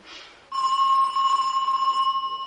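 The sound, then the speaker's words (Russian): A doorbell at the door rings, announcing arriving relatives, in one long, loud, steady electric trill that starts abruptly after a brief soft noise, its bright metallic tone fluttering slightly toward the end. No one speaks. “пойди открой дверь. Это, наверное, дедушка с бабушкой и тетя Хельми пришли.”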